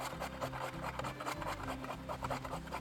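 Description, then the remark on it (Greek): A potato being grated, a steady rough rasping that repeats in quick back-and-forth strokes for a few seconds, scraping loudly with no talking over it. “Τρίβουμε μία πατάτα.”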